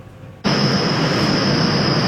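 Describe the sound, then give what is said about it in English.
A train passes through the Bloor Lansdowne GO station, roaring in abruptly after a moment of quiet: a loud, steady rush of rumbling noise with a thin high-pitched whine running over it. No one speaks. “They want the transit agency to install noise barriers in the area, saying the sound of passing trains is becoming unbearable.”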